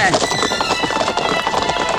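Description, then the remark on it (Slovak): Horses, driven on with a whip, gallop away in a cloud of dust with a rapid, steady clatter of hooves, loud and continuous for the whole stretch, the beats crowding together in a quick driving rhythm. “Baba plesla korbáčom ponad paripy. Tie v okamihu zahalil kúdol prachu a už ich nebolo.”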